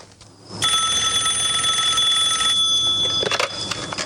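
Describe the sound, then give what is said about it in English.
A telephone rings with one long, steady, high-pitched electronic tone lasting about two and a half seconds, then stops, followed by a brief clatter of handling noise. “Karen's phone rings.”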